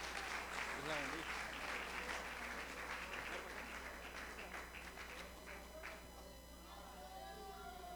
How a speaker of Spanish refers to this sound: Dile un aplauso al Señor y recibamos con un aplauso a nuestra hermana.